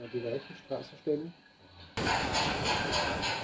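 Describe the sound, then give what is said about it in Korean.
A voice speaks briefly, then a garden model train running in a yard cuts in abruptly with a loud, steady hissing rumble and faint rhythmic chuffing pulses that continue to the end. “오랜 꿈이었던 모형 기차의 세계를 현실로 만들었습니다. 바로 마당 기차입니다.”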